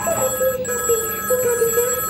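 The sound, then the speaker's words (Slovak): A telephone rings with a quirky, warbling bell tone, its pulses repeating steadily and fairly loud, with no voices present. “Taký šibnutý zvonček som ešte nepočula.”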